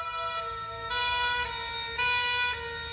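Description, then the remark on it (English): An ambulance siren blares loudly, switching between two tones about every half second in a steady alternating pattern, with no voices over it. “I remember telling Des to phone for an ambulance, then no more for a while.”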